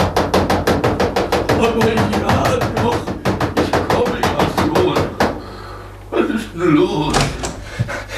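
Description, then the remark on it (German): Rapid, insistent, excited pounding on the door of a small castle between two peaks: a long run of loud, evenly spaced heavy knocks lasting several seconds, stopping abruptly before a voice begins speaking. “Als Herr Ärmel, der ganz fassungslos vor Staunen dastand, endlich begriffen hatte, wer da gekommen war, rannte er sofort zum Schlösschen zwischen den beiden Gipfeln hinauf und polterte aufgeregt gegen die Tür.”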